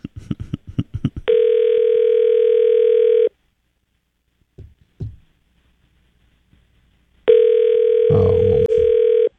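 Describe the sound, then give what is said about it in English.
An outgoing phone call rings on the line: two long, steady electronic ringback tones, each about two seconds, separated by a quiet pause with a few faint clicks. Quick clicks come just before the first ring. “And of course you're not going to answer it because it's the same guy. He's got two cell phones.”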